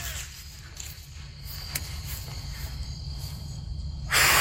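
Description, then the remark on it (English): A low rumbling background gives way at the very end to a sudden, loud, breathy gust, a single puff of air as a child blows hard on dandelion seeds. “And we took a dandelion and we tried to blow off all the seeds, but only one side would come off.”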